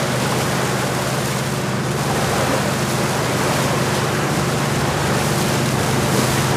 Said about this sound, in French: Dans le bruit du moteur, le bateau rentre lentement vers Libreville.